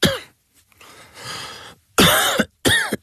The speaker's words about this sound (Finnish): Hei, älä suotta köhi.